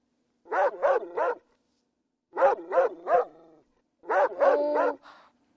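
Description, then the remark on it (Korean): A puppy barks in three separate bursts, each a quick run of three short, high-pitched yips with brief pauses between groups. The barking is clear and alone, with no talking. “에이, 강아지 소리가 뭐 그래. 강아지는 멍멍이지.”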